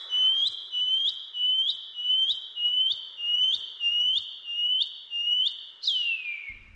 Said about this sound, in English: The PP Wharauroa. The Shining Cuckoo.